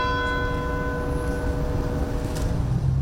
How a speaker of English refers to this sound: Town's courthouse bell tolled as fans left flowers and balloons near her statue.